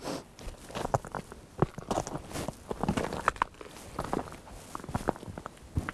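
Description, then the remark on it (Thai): Footsteps shuffle across slippery frozen river ice near the middle of the river in short, careful, irregular steps of about 10 cm each, slow-moving, each a crisp crunch or scrape, with no talking. “ตอนนี้น่าจะถึงใจกลางของแม่น้ำแล้วฮะเราสามารถเดินบนแม่น้ำได้โดยไม่ต้องใช้เรือแต่ว่าเดินเป็นเพนกวินนิดนึงนะเพราะมันลื่นเดินได้ทีประมาณ10เซนการเคลื่อนไหวช้ามาก”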